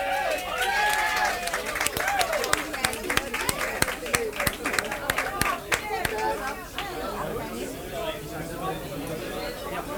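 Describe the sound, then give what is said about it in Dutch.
An audience in a hall claps with sharp, scattered bursts over a busy hum of crowd chatter, welcoming a group about to sing a sentimental song; the applause thins out partway through, leaving mostly murmuring voices. “Geef ze een warm applaus,”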